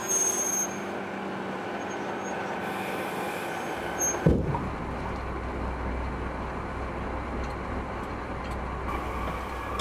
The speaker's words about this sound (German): Wir haben heute nicht genug Strom. Das heißt, wir werden jetzt mit der Diesellok an den Zug geschleppt. Und dann dürfen wir nachher außenrum den stromlosen Bereich umfahren.